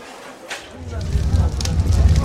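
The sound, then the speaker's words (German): Flames of an execution pyre, lit by the executioner, crackle and roar, starting quietly and swelling within a second into a loud, steady rumble dotted with sharp pops. “Sieh mal, wie das Feuer lodert.”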